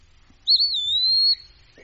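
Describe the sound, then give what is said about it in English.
A pewee sings one clear, slurred whistle, rising slightly then drawn out and gently falling, loud against a quiet low hum, with no one talking. “So he's singing Peewee.”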